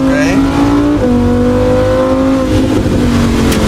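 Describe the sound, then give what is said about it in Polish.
A loud Lamborghini Huracan sports car engine accelerating hard on standard production tires that lose grip, its droning pitch climbing and then dropping at quick gear shifts, with a steady roar throughout and no clear pause. “Bo auto płynie, jak zauważyłeś? Tak. Opona nie trzyma. Czuję, że ucieka czasami.”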